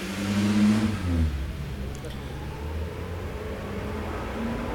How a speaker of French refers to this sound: Le feu de la rue du Four devient vert. Passe un camion Yoplait. Un camion des Literies Saint-Germain. Un taxi, une moto, un taxi, une moto. Une petite voiture blanche, une camionnette grise.